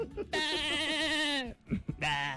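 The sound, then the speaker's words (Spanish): A voice imitates a goat's bleat: a loud, wavering, nasal cry held for about a second, then a short pause and the start of a second bleat. “Y el chivo.”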